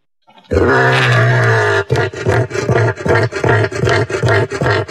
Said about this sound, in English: Here's what a cassowary sounds like.